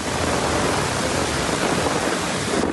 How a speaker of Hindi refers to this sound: एक दिन पहले अमरावती जिले में मानसून के बादल इस कदर बरसे कि पूरा शहर ही कुछ देर में पानी पानी हो गया। ये बारिश गर्मी से बेहाल लोगों और किसानों के लिए खासकर राहत बनकर आई।